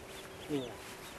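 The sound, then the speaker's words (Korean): A Eurasian oystercatcher on asphalt at a construction site beside the Oido tidal flat gives one brief, shrill piping call that rises out of a steady low background hum, then fades back into the noise. “이게 거머리 물때 새소리입니다.”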